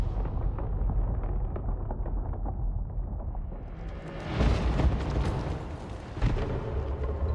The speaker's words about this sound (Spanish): El Kalisk explota en innumerables partículas, liberando una nube de vapor que derriba a Deck, Tía y Bot.